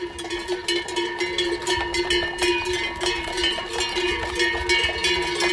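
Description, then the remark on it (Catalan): Many cowbells of the village's horses and cows in Llívia, going up to pasture at La Bullosa in Alta Cerdanya for the transhumance festival, clank and jingle continuously in an overlapping, irregular jumble of metallic tones, with a low rumble of shuffling hooves and movement underneath; no one speaks. “Que és la dels cavalls i vaques del poble, avui pugen a pasturar a la Bullosa, a l'Alta Cerdanya.”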